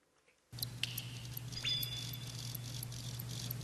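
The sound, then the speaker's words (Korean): Faint cricket chirping: soft, high-pitched pulses repeating at a steady pace over a constant low hum and background hiss, with no voices. “이게 귀뚜라미라고요?”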